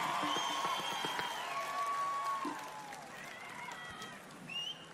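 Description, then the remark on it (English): An audience applauds steadily for several seconds, dense clapping mixed with cheers and a few whistles, staying fairly loud before easing off slightly toward the end. “Just a little bit of applause from you guys, and then we'll get going.”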